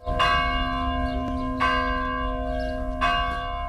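A church bell tolls slowly at a memorial service at Orlovača cemetery in Belgrade, Serbia, three strong strikes spaced about a second and a half apart, each leaving a rich ringing hum that carries into the next. The bell tolls for 25 people buried there. No voices.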